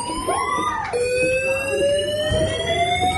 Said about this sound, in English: Fire alarm. Fire alarm. Which didn't stop for 30 minutes. Oh my god. Someone had set off the restaurant fire alarm so everyone could hear this non-stop.